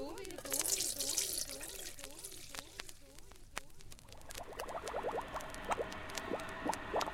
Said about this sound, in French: Puis, je dois les mettre dans une casserole. Et enfin, je dois les couvrir d'eau.